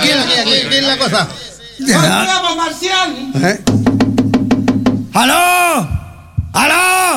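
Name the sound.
knocking on a door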